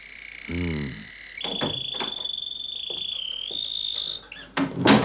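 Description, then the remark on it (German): A door that was not locked opens with clicks and a couple of handling knocks while a high, steady electronic tone rings, ending in a louder thump; a brief voiced sound comes before it. “Da habe ich mir schon gedacht, dass Sie da sind, weil die Tür nicht zugesperrt war.”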